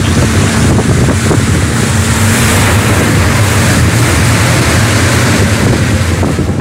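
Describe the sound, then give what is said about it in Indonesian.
Loud, constant storm wind roars and buffets while waves slosh and crash against a rocking fisherman's rowing boat as water starts to come into it, a dense wall of noise with no pauses and no voices. “Angin dan badai mulai membuat perahu mereka mulai terombang-ambing dan bahkan air mulai masuk ke perahu.”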